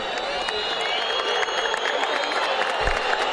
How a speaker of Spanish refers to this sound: Las palmas de San Lorenzo para despedir a su público, algún que otro silbido igualmente.